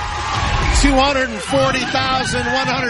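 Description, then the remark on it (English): The audience of the CBS game show The Price Is Right shrieks and yells together in a loud, sustained burst of excited screaming, high pitched whoops rising over a dense babble of cheering for the full three seconds, as a contestant sets the record for the biggest prize in a single pricing game. “And as you might imagine, there was some screaming involved.”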